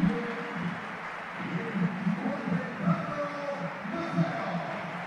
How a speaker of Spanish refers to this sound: Bueno, pues es un buen aplauso para Maffeo, ¿eh?